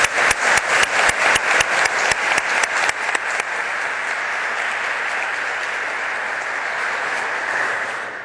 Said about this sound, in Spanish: Qué interesante, doctor. Yo quiero que le brindemos un fuerte aplauso